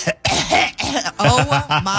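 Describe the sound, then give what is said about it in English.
A person does a string of loud, open-mouthed, throaty coughs with the tongue stuck out, about five or six harsh bursts in quick succession, sounding like a deliberate imitation of sloppy coughing. “And I hate when kids, and adults even, open mouth cough and stick their tongue out at the same time.”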